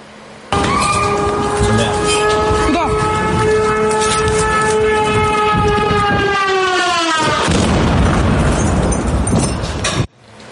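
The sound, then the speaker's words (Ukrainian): A loud, droning engine whine bends downward in pitch as a Russian strike drone passes overhead during a repeated attack on Kyiv, Ukraine, at the site of a night strike, then a powerful explosion erupts into several seconds of roaring, crackling blast noise before cutting off. “Під повторний обстріл ледь не потрапила наша знімальна група, яка працювала на місці нічного прильоту.”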